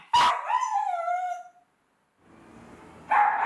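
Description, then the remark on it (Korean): A dog, Bobtong, barks loudly inside a home at over 100 dB, about as loud as a car horn: one sharp, piercing bark stretches into a long, falling yelp, then after a short lull another forceful bark bursts out. “어, 얘 왜 이렇게 목청이 좋은 거야? 집안에서 울리는 소음 크기가 100dB 이상.”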